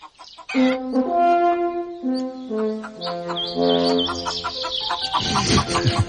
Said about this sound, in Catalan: Avui som a Riu d'Aura. Olot sentiria... Gallines, entens?